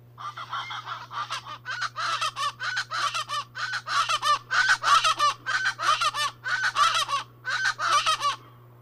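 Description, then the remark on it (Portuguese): Loud, raucous calls of the Aracuã guarda-faca (Ortalis remota), a chachalaca: a rapid rhythmic series of harsh, nasal, honking syllables repeated about a dozen times, with a steady low hum underneath and no talking. “Você já sabe de quem é o canto? Quem disse que é o Aracuã guarda-faca acertou.”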